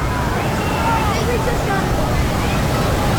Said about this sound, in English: Now, the key when you're putting the tarp on the field in an instance like this where it is, I mean, saying it's raining sideways is not doing this justice. It is raining at a level that, you know, we're talking 40-mile-an-hour winds right now,